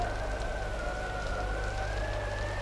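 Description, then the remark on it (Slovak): A steady, whistling howl of storm wind holds a pair of drifting tones over a low rumbling roar, sustained and fairly loud throughout with no voices. “Počuješ, ako vyčíňa vetrisko.”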